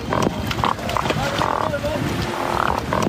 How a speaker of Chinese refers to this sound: 这就是大黄鱼发出的声音，哼唧哼唧的， 它是通过鱼漂挤压发出的声音来寻找同伴交配产卵。